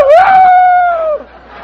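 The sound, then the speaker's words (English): A man on a quiz show, asked to imitate animals, imitates a rooster crowing: one loud, sustained, slightly wavering cry that rises quickly, holds steady, then drops off abruptly after about a second. “The rooster, the one I just did.”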